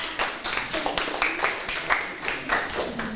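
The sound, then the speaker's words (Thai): A group of students in a classroom clap together for a classmate who answered the teacher's question correctly, a steady burst of scattered applause lasting a few seconds, moderately loud, with a faint voice briefly audible underneath. “มหาสมุทรแปซิฟิกเป็นคำตอบที่ถูกต้องค่ะเก่งมากปรบมือให้เพื่อนหน่อยค่ะ”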